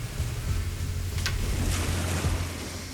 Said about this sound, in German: Da ist das Wasser. Also das ist der Bodensee.